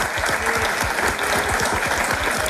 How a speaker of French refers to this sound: Et tout ça s'applaudit évidemment puisque nous sommes en public ici au château de Lavourie d'Antine.